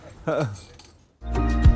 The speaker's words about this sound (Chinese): 我觉得青岛太好了，让我们为青岛干杯！ 干杯！